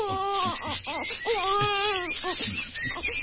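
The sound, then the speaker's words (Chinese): An infant wails in repeated, high-pitched bursts, each cry rising and wavering before breaking off into short sobbing gasps, steady and fairly loud throughout. “呢度阻紧冇人噶，点解有苏虾仔嘅喊声？”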